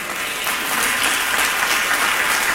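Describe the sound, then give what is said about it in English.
A standing church audience claps hands at the preacher's call at the end of a sermon, a steady, dense wash of applause, loud and sustained throughout with no voices standing out. “If the word helped you today, clap your hand.”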